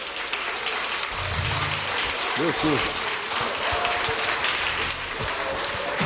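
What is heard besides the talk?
audience clapping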